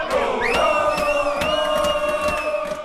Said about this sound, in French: Voilà, des cris de joie, des applaudissements. Cette finale de Ligue des Champions qui a provoqué donc des scènes de liesse à Paris.